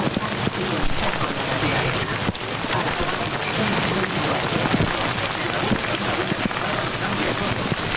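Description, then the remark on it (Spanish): Hail pelts the glass windows of a cabin in a dense, constant clatter of countless tiny impacts, loud, holding a steady roar from start to finish with no pauses. “El granizo golpeando contra los cristales de aquí de la cabina.”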